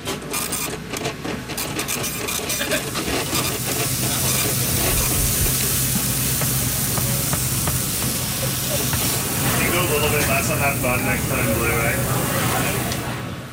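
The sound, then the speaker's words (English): A steady sizzle of food frying on a hot surface fills a calm restaurant kitchen, with a constant hiss like running water and faint indistinct voices in the background. No shouting or clatter. “The Stillwell kitchen was calm.”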